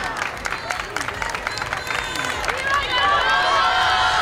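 Steady applause from a sizable crowd as Pope Leo XIV gets out of his car on arrival at the Congress of Deputies, dense overlapping claps for several seconds, with a few whistles and crowd murmur rising toward the end.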